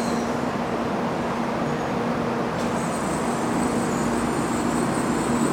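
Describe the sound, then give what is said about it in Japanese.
Train boarding doors open on the platform at track 4 for the 17:59 Nozomi 38 train bound for Tokyo, amid a steady, loud mechanical rumble and low hum; about halfway through, a soft hiss joins the noise as the doors slide. No one speaks. “4番線乗車口のドアが開きます。ご注意ください。”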